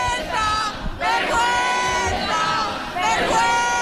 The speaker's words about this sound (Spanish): Ahora mismo están gritando a los policías, no sé si podéis escucharlo.